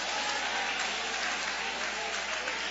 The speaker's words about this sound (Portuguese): Levanta a mão e aplaude.